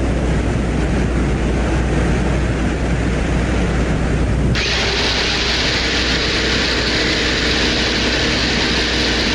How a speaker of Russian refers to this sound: Затем начинает эта электродрель работать, как будто сосед сверлит бетонную стенку где-то там в соседней только квартире. Не сосед, а это даже сложно представить. В этой атмосфере раскаленной, под этим давлением... Как это все работает?